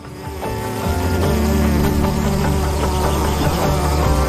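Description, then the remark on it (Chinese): A bee hovering over flowers gives a steady, loud buzz that drones on without a break, its low hum rich in overtones, rising slightly in the first half-second and then holding even throughout. No voices. “蜜蜂在花朵上方悬停时，会感知体表的绒毛是否在电荷的影响下发生了轻微的移动。”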